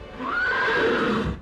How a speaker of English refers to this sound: No, that's a horse.